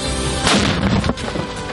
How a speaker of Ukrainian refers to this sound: Постріл!